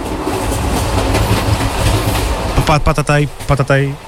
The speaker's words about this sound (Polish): Patataj. Tak, prawie jak z rejsu, prawda? Ale to nie o rejs chodzi, ale podróż pociągiem.